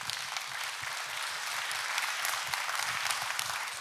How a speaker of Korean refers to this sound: 정말 음악 좋죠? 다시 한번 선생님께 박수 부탁드립니다.